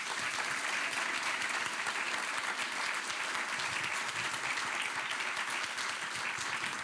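Steady applause from a studio audience, a dense, even crackle of many hands clapping that holds at a constant level for the whole stretch, with no voices standing out.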